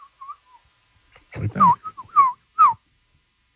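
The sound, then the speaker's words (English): A person whistles a string of short, chirpy birdlike notes, sliding up and down in pitch, with a few soft opening tweets followed by louder swooping phrases and a brief breathy vocal sound. “And say the same nice things as Little Birds.”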